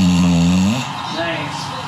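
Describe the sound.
An English bulldog snores while falling asleep on a person's foot: one drawn-out, buzzing, rumbling snore that fades into quieter breathy noise, with faint background voices from a TV and people talking underneath.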